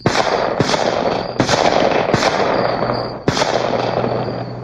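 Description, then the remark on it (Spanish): Several sharp gunshots crack out at irregular intervals, fired by a police officer at a man running across a street at night, about five loud bangs over a dense, noisy wash of sound, with no voices. “Logré cruzar la calle, pero mientras corría sentía el silbido de las balas cerca de mi cabeza.”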